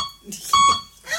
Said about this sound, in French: Ah, il parle comme ça? Comment ça marche? Un bip oui, deux bip non, putain.